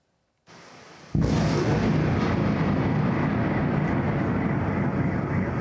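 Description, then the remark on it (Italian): A sudden, very loud blast erupts out of a low background rumble, then gives way to a sustained, roaring wall of noise that continues without pause until the end: a burst of explosions from Russian Iskander missile strikes on Kyiv, Ukraine, at night. “I missili Iskander in meno di 30 minuti, poi una raffica di esplosioni e a Kiev è di nuovo terrore.”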